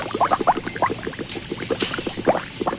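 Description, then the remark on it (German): Maggi seasoning (Maggi-Würze) bubbling and popping steadily in large kettles, a dense run of irregular blips and gurgles of thick liquid with no voices. “Bis die Maggi-Würze in den Kesseln blubbert.”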